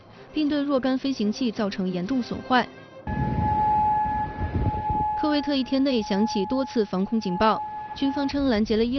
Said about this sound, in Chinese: 科威特一天内响起多次防空警报，军方称拦截了伊朗的导弹和无人机。